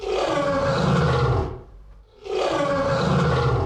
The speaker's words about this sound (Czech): Lev! Výborně, kamarádi. Lva jste poznali skvěle a už taky víte, jaká kouzla umí takový mistr zvuku.